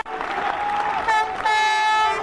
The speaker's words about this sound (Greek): Ο Τσόλης είναι ένας που θα αποχωρήσει, θα βγει. και μπαίνει ο Καλατζής ο Γιώργος, Τσόλης Λάμπρος, Καλατζής Γιώργος μέσα. Ο Κοροβέσης είναι το 13 που θα μπει. Με χειροκροτήματα.